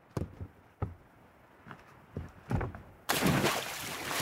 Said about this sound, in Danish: Ja, der var et ordentligt plask i hvert fald, kunne vi høre der.